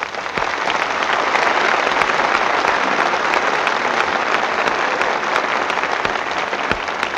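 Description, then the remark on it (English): A large studio audience in New York applauds steadily for several seconds, a dense, even wash of many hands clapping at constant loudness with no voices standing out. “Music in California, applause in New York.”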